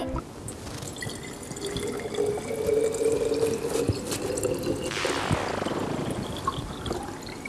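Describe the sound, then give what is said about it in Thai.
Water is poured steadily into a container by a child during a classroom demonstration, a continuous splashing gurgle whose ringing tone climbs higher as the vessel fills toward the end. No one speaks. “ขอกรอกได้ไหมกรอกได้ไหม มั่นใจแล้วนะครับ ขอกรอก น้องกรอกอันนี้นุ่มนวลมากแต่ถือว่าดีไม่หกรับไป10คะแนน”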